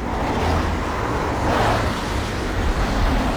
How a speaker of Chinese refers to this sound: 卡车一路驶去，停在海边渔村农舍一小院门口。